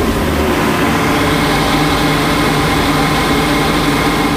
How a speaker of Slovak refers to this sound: Sme v takej úzkej chodbe za hlavnou miestnosťou planetária a vidíme ten systém, ktorý odvádza vzduch priamo nad nami, ktorý je za plátnom. Takže jednoduchá vec s ventilátorom, s vývevou a trošku hluku, ale návštevník nič nepočuje. Za to my áno.